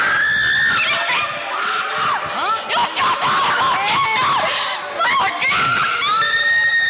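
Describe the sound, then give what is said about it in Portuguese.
Loud, continuous screaming of a person during an exorcism in a church fills seven seconds, with strained, wavering cries rising and falling, layered over other overlapping shouting voices and no pauses. “Pode gritar, mas que vai sair, vai.”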